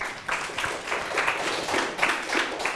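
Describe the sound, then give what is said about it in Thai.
A group of students in a classroom clapping together for classmates in group 3 after they answer a ratio question, a steady, dense patter that keeps a fairly even loudness for a few seconds, with no one speaking over it. “ได้ดังนี้เลยนะครับปรบมือเพื่อนหน่อยครับ”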